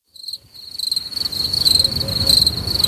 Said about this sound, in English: Wow. I tell you, the crickets are lovely.